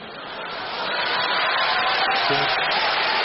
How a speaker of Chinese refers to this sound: 观众热烈鼓掌，啪啪啪！ 你们就鼓三下是吗？这掌声，这是鼓掌的声吗？